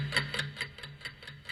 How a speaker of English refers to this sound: Timer starts now. Set the clock.